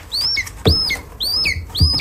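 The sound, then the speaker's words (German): A lesser spotted eagle chick at a rearing station in Potsdam, Germany, calls four times in quick succession, thin high-pitched whistling peeps that rise and then drop, with faint bumps and rustling in the background. “So klingt ein Schreiadlerküken.”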